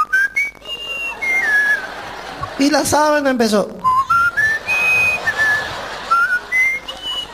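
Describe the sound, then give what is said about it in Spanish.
Clear, flute-like whistling in a series of high, sliding tones, some notes rising and falling, broken in the middle by a short burst of speech before the whistled phrases resume. “Cuando estaba allí la sábana, la abuela tiró la flauta y se zampó a la cama, ¿no?”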